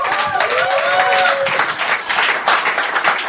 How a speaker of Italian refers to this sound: Altro applauso.